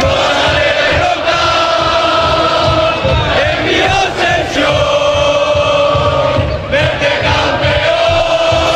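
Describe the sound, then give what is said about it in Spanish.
A loud, dense crowd of fans at Málaga airport welcoming the Málaga team, chanting and shouting together in a continuous roar, with rhythmic sung chants rising over the din and no clear individual speech. “Este es el recibimiento al equipo en el aeropuerto de Málaga.”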